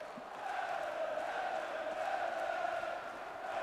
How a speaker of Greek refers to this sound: Και ο κόσμος ξεσηκώνεται, φωνάζει.